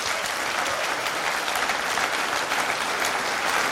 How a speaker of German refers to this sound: Und wir geben euch jetzt einen grossen Applaus und einen grossen Dank.